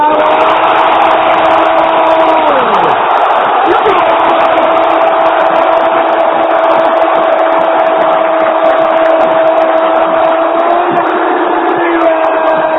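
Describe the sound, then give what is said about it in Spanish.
A stadium crowd at the Monumental roars and shouts after River scores a penalty goal by Correa, a loud, dense, unbroken wall of voices that holds steady for about thirteen seconds, with a few sustained tones running through it. “Lo grita todo River contra el banco de Correa.”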